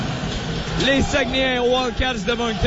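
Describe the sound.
A noisy arena crowd murmurs and roars steadily beneath a loud voice talking over it, with a couple of dull drum thumps punching through the din.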